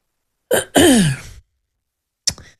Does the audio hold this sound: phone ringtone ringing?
no